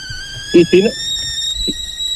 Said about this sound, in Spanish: Y si no es un auto, es una pava hirviendo.